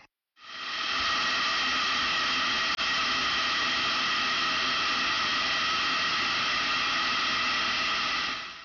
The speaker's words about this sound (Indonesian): Dengan menguapnya seperti ini, selama 2-3 menit, panas uap langsung masuk ke wortelnya, sehingga batangan wortel akan menjadi lembut. Kalau wortelnya tidak terlalu banyak mengandung air, dan Anda khawatir hangus, tambahkan saja 1 sendok makan air.